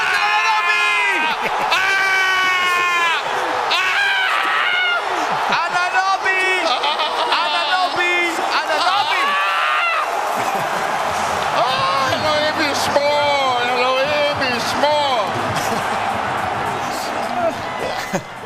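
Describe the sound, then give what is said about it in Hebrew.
Loud, frantic screaming and shouting from an excited voice reacting to a Jalen Brunson basketball play, sustained over a noisy arena crowd that roars and cheers throughout, with shrill rising whoops and no pauses. “ככה הוא היה צועק ביום הורים שלי, כן.”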